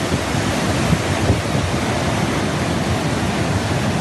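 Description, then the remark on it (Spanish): A waterfall gushes from a cave as the saturated cave network expels all its water at once, a steady, dense roar of rushing water, loud and unbroken from start to finish, with no voices. “esos depósitos de las red cavernarias se saturan, se llenan, y entonces expulsa todo el agua de un tirón”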